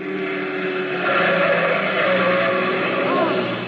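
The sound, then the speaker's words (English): A car engine roars loudly, a steady droning rush that swells slightly partway through and holds for a few seconds, as a car speeds through a red light at a street intersection, missing two pedestrians crossing by about 2 feet. “There's a car coming right through that red light.”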